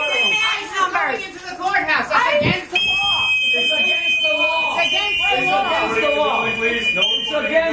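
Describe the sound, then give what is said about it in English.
Shrill, sustained whistling from activists rises over a noisy crowd of voices as masked federal immigration agents go into a courthouse, starting partway through and holding steady high tones while people shout and talk underneath. “The audio we're about to play you does have some whistling noises.”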